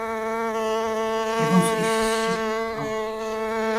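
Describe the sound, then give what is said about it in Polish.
Steady, droning buzz of bumblebees flying out of a hole, a low humming tone with rich overtones that swells slightly as the insects take off, with faint background voices briefly audible. “A tu są trzmiele. Nie bać się, one nie gryzą.”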